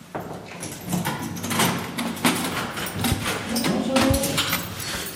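A heavy door is opened with a series of metallic clanks and a scraping slide, fairly close and loud, echoing slightly in a hard-walled space.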